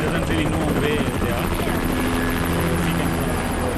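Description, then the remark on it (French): Loud, continuous helicopter rotor and engine roar, a steady dense drone with faint voices mixed underneath, as about ten helicopters take off and land in turn at an army camp in Nepal, loading supplies for flood-stricken areas. “Sur ce camp de l'armée, une dizaine d'hélicoptères décollent et atterrissent tour à tour.”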